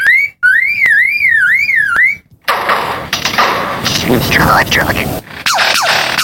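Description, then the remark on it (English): A lyrebird mimics other noises, including the click of a camera: a loud, wavering siren-like whistle broken by sharp clicks, then a long harsh, rasping burst threaded with quick downward-sweeping tones. “The lyrebird is one of the best of all bird mimics. But it is that ability to mimic isn't simply limited to other birds.”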